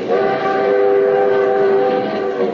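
A limited train rolls along the rails with a steady, droning rumble topped by sustained tonal whines, holding an even loudness throughout with no voices.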